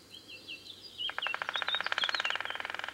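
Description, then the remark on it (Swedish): A white-backed woodpecker's alarm call: a rapid, sharp series of high kik notes rattling on for about two seconds, with softer bird chirps in the background and no talking. “Eller det här varningslätet kanske var det som lät mest bekant.”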